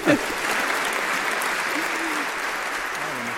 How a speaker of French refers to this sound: On peut les applaudir toutes.